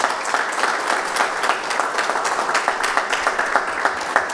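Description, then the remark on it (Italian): A crowd applauds steadily, many hands clapping in a dense, sustained patter with a few sharper claps standing out, fairly loud throughout and with no voices over it. “E siamo qua, ma siamo con lui E a facciamo un casa. applauso, Mattia.”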